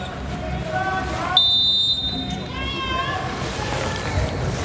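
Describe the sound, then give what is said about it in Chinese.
A short, shrill electronic buzzer tone rings out for about half a second over a noisy arena crowd, with a voice talking in the background; the venue's buzzer going off suddenly during a men's volleyball match between Iran and China. “刚才是现场的蜂鸣器突然响了”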